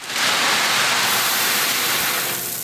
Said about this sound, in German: Wäre die Zisterne heute schon fertig, hätte sie direkt ordentlich zu tun gehabt. So prasselt der Regen hauptsächlich auf uns.